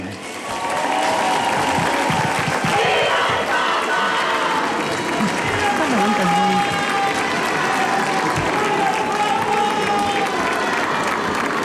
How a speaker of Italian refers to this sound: E abbiamo ascoltato l'Angelus da Castel Gandolfo, l'Angelus di Papa Leone. Ancora una volta il grido della folla: viva il Papa!